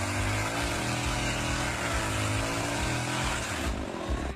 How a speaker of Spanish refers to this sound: Ah, está laburando con la motosierra. Ah, estará cortando leña para el frío. Claro, debe ser que está cortando leña en el monte, mirá.